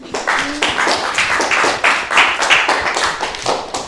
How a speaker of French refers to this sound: Hey, on l'applaudit, hein.